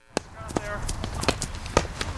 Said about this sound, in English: That's the sound of players running a drill, practicing the traditional Irish sport of hurling. Players are armed with just a helmet and a wooden stick called a hurley.